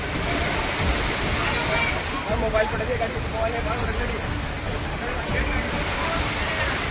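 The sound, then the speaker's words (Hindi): Floodwater rushes through a street in the Toda Raisingh area of Tonk, Rajasthan, after heavy rain, catching several bikers, in a loud, steady roar of churning water that stays constant throughout, with occasional sloshing surges and faint, indistinct voices in the background. “सड़कों पर पानी सैलाब की तरह बहता नजर आया और इसकी चपेट में कई बाइक सवार आ गए.”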